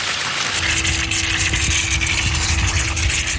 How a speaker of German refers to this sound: In der Mitte auf, jetzt sprüht das Wasser raus hier.